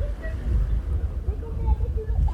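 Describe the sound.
Wind buffets steadily across a beach on a cool late morning at high tide, around 11 o'clock, a deep, rumbling low roar that gusts unevenly, with faint, indistinct voices murmuring underneath as people swim and build sandcastles.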